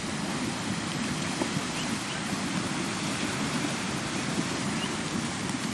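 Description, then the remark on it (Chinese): A river rushes and churns in a steady, dense wash of water noise, fairly loud, with no voices and no breaks throughout, as young foals born in spring cross it, the cold water reaching up over their backs. “冰冷的河水没过小马的背部，初次下水的他们还来不及适应，就得马上学会如何在河水中保持平衡。”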